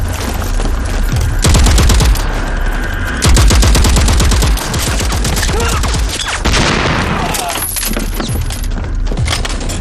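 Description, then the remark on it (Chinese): Intense gunfire and artillery fire from a battle with the enemy roar nonstop behind Hill 314 in the Dayuling direction, with rapid automatic bursts crackling over deep, heavy booms. The barrage is loud, swelling into especially dense volleys at several points. “前方报告，314高地后方大余令方向传来激烈的枪炮声。”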